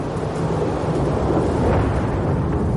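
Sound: thunder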